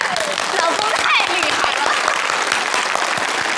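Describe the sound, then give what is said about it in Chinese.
A crowd applauds steadily, a dense wash of many hands clapping that holds the same loud level throughout, with faint voices mixed into the noise. “追着了， 鼓掌。”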